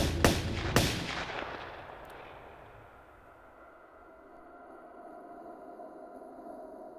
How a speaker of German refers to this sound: Der Chauffeur, einer aus Wolfsheims Verbrecherbande, hörte die Schüsse. Später sagte er nur, er habe sich nichts weiter dabei gedacht.